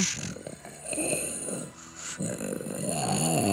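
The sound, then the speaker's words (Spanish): A person imitates a dog's growl: a low, raspy, rumbling voice held for several seconds, rising and falling in rough bursts with a brief dip midway, fairly loud with no speech. “¡Ay, qué perro te sale!”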